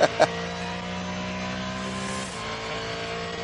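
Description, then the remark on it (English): A Mustang race car, number 67, drives by with a steady, buzzing engine note throughout, its pitch shifting slightly partway as it moves by. Two short sharp knocks come right at the start, with no voices. “Just compare the engine note of this to a few minutes ago, Verstappen's V8 Mercedes”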